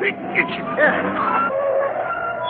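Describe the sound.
A car's tires screech in a sustained, high skid as it brakes to a sudden stop in the middle of the road, with excited voices talking over the squeal.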